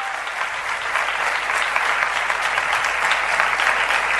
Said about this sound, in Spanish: ¿Cuántos dicen yo lo quiero y aplauden con todas sus fuerzas y sus ganas? Más fuerte, che, con más ganas.